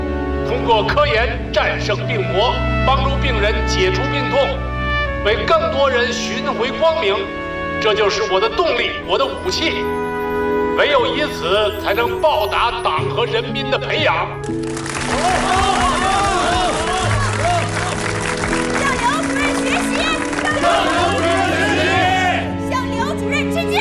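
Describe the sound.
A crowd breaks into sustained applause for a doctor partway through, a dense wash of clapping that lasts several seconds over a steady musical background after earlier talking.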